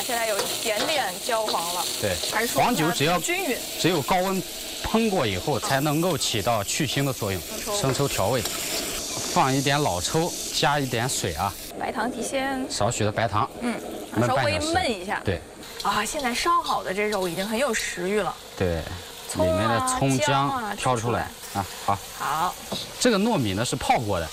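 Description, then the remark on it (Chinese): Meat and ginger slices stir-fry in a hot wok with cold oil added to the heated pan. They fry until slightly golden before seasoning. The result is a continuous frying hiss with scraping stirs, while people talk over it throughout. “来过一下这姜片，加肉炒一炒， 煸炒出来有点微黄的时候，然后再调味。”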